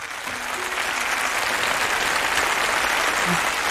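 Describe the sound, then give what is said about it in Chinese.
An audience breaks into sustained applause, a dense wash of many hands clapping at steady volume throughout, with a faint tone briefly audible early on and no speech over it. “接下来掌声有请林老师精彩讲述。”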